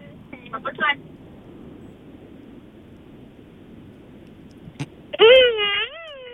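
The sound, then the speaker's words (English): A voice imitates a revving car engine in two bursts: a short buzzy one at the start, then a louder, longer rev whose pitch swoops down and back up, over a low rumble. “That really sounds like one of those remote really, control cars. Like those F1 cars, like whizzing around the track”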